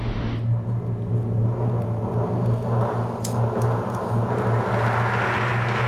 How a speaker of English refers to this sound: Okay. Rolling along and the truck's doing well for you.